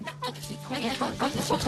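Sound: chicken clucking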